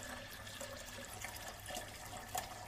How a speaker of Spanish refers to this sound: Toma una jarra de plástico y la lleva hasta el grifo. Con su mano comienza a buscar la llave de agua. Y la abre.